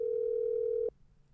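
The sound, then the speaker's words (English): Ringback tone of an outgoing phone call made to call a woman back: a single steady electronic tone holds for just under a second, then cuts off, leaving only a faint low background hum. “Let me call her back. I hope she see the phone. Her ring.”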